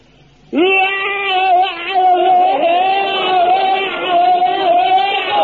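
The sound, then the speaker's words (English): A man lets out a long, sustained battle scream for bayonet drill, a loud strained yell held steadily for about five seconds with a rough, wavering pitch, alone without other talk. “Now, you fill your lungs up to the air and let it out like this.”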